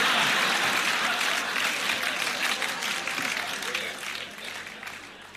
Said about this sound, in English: Thanks for that. Yeah, that was great applause.